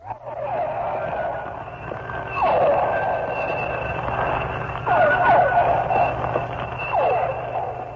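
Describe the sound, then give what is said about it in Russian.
Pilot whales, large dolphins, recorded underwater in the tropical sea off Cuba while hunting, using echolocation to search for prey: dense trains of rapid clicks mixed with repeated downward-sweeping squeals and whistles, over a constant low hum. No one speaks. “Это охотится, вероятно, гринда и издает звуки такие локационные, с помощью которых он ищет добычу.”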